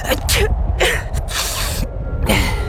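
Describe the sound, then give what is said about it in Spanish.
A quick run of about four loud sneezes, each a sharp hissing burst with short pauses between them, over a steady low rumble and with no talking. “Al inconfundible sonido del invierno.”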